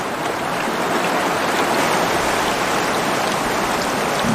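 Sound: rushing river water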